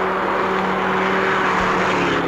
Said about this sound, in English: What's that car? It's not pulling up, is it? No.